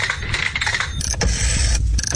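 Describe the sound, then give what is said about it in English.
Mechanical clicking and whirring of a rotary telephone and payphone, with sharp metallic clicks and a rattling, coin-like clatter over a steady low hum, with no one talking. “For some, it's the sound of rotary telephones and even payphones.”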